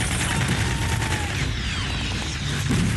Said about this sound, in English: It's pretty realistic. It's almost claustrophobic. These narrow streets, the barricades, gunfire and smoke. They're shooting RPGs.